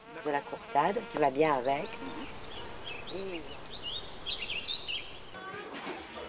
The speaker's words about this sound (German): Der Fasan gehört quasi zum Haus, genauso wie die Bienen, die ihr den leckeren Honig liefern.